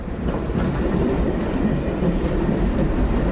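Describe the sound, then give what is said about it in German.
An S-Bahn commuter train rolls steadily along the rails on the way to a lake, a continuous loud rumble with faint rhythmic clatter from the wheels, with no voices. “Wir fahren zum See. Mit der S-Bahn.”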